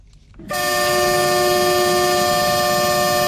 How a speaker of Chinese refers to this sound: 在义乌铁路西站，一列满载日用百货、汽车配件、机械设备等货物的浙江中欧班列一新欧缓缓驶出，经满洲里口岸出境，驶向俄罗斯。